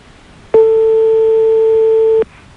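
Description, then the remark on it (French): A single long telephone ringing tone on a prank call to a physics teacher, a steady pitched electronic beep lasting under two seconds, loud and alone against faint background hiss. “Donc on va lui donner la possibilité à ton prof d'intervenir grâce à un jeu de sonnerie.”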